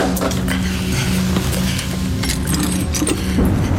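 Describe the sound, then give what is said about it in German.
A mantel clock that had stopped running being wound until it ticks again: sharp metallic clicks and light rattling repeat in an uneven rhythm over a steady low hum, with no voices. “Ja, ich glaube, ich habe es geschafft. Hören Sie nur, wie sie tickt.”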